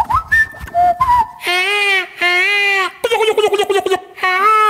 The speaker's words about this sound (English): You want to soothe your mind? Listen to these bird noises.